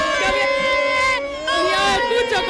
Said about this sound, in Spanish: Bueno, aquí ya de todo, ya de todo. Aquí la gente, estoy metida en corrillos. La gente no para de tirar copas, de gritar, de bailar.